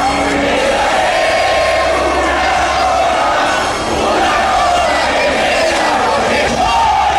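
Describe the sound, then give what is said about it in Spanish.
A completely full crowd at the Estadio Polideportivo de Pueblo Nuevo roars continuously during a football final against Estudiantes de Mérida on a Sunday at 5 pm, mass shouting and cheering sustained at full volume for several seconds with swelling chant-like waves and no break. “¡Así se grita en Pueblo Nuevo!”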